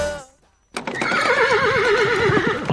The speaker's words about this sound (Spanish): ¡La etiqueta! ¿Qué etiqueta, hombre? ¡Si son caballos!